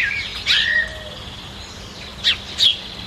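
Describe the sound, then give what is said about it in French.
Several birds chirp and sing, with a few sharp bright calls standing out against a steady, soft outdoor background hum. “Elle reste sur son banc, au pied de l'olivier, et puis elle écoute les oiseaux chanter.”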